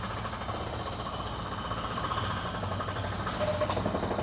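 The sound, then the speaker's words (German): Steady noise from construction sites all around, with a rapid, rattling jackhammer-like pounding and a droning engine underneath, fairly loud and continuous throughout, no voices. “das einfach gut gehen zu lassen, auch wenn hier mittendrin von den Baustellen.”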